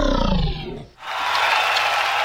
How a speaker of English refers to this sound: Well, thank you for that. Applause, I appreciate that. I forgot that I slipped that in there, but I'll take the applause anyway.